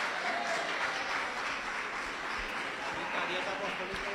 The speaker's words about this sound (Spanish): Fuertes aplausos para San Pedro.